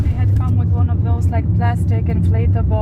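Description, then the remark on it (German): Steady, loud low rumble of a car's engine and road noise heard from inside the moving vehicle carrying protest activists, driving on after a short stop, with a person talking continuously over the droning cabin sound. “Nach einem kurzen Stopp geht's weiter. Die Aktivistinnen und Aktivisten im Auto gehören alle seit Tag 1 der Protestbewegung an, die mittlerweile Flamingo-Revolution heißt.”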